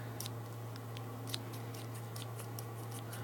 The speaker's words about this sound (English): Can I guess? Yeah. It's scissors. Oh, correct.